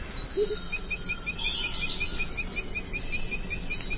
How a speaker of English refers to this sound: And those continuous sounds? Those are insects.